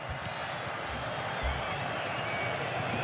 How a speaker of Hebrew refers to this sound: פריז מטריף את הקהל, מוחא כפיים לעבר הקהל, השוער של ארצות הברית. כולם על הרגליים, כולם שמחים, כולם צועלים. איזה חיוכים ביציעים.